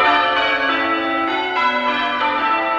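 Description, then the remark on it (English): Church tower bells are rung in steady succession, their bright, overlapping tones ringing out loud, each new strike blending into the lingering hum of the last. “In fact, bell ringing competitions are held around the world.”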